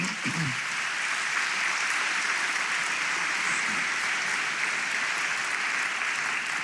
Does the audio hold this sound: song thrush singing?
no